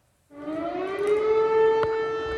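An air raid siren in Tarnava Colonia, Lublin province, eastern Poland, starts up at night after a brief silence, set off after an unidentified object was detected. It wails steadily, its rising tone sustained and loud throughout, with no voices present.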